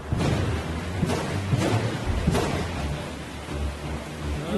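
Steady heavy rain hisses throughout while deep rumbles of thunder roll underneath, with a few sharper crackling surges standing out. No voices are present.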